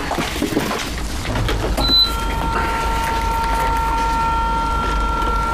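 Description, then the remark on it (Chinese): A washing machine being loaded with clothes for washing, with rustling and soft clunks, then a high beep and a steady mechanical whine as it starts running. “你在洗衣服啊？”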